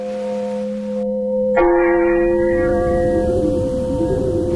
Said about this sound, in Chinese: 教堂的钟声悠悠的回响起来。池田停住了脚步，回头望着镶嵌在夜幕中的钟楼，听着钟楼里传出的缓缓的钟声。